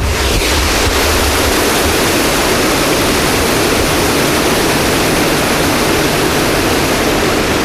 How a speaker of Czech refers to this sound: Takto to hučí a hrmí v celej Juráňovej doline. Toto je Bystrý Juráňov potok, ktorý hĺbi obrie hrnce. Tu práve stojím nad jedným z nich, ktorý vydáva takýto hrmotný zvuk.